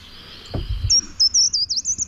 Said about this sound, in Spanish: Estamos escuchando un agateador.